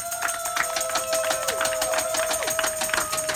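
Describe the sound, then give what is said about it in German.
A crowd on the market square in Willich, Germany, claps steadily in dense, overlapping bursts that hold an even loudness throughout, applauding the town's new Schützenkönig (shooting club king), with a thin sustained tone running underneath the clapping. “Und für alle, die jetzt gerade hier auf dem Marktplatz sind, bitte einmal einen herzlich lauten Applaus für den neuen Schützenkönig von Willich,”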